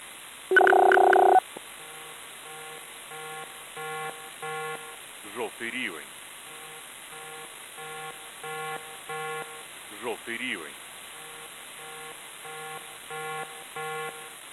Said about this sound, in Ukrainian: Увага, увага! Прослухайте повідомлення Управління цивільного захисту Полтавської обласної військової адміністрації. Громадяни, повітряна тривога, повітряна тривога.